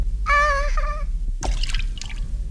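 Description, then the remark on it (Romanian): A bright, high ringing tone sounds in two short bursts, then Jiminy falls into Figaro's cup of milk with a quick splash, followed by light dripping and sloshing. “De emoție am căzut în cana cu laptea lui Figaro.”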